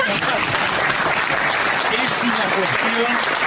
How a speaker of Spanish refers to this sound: No dije la frase para que la aplaudan, pero me llama la atención.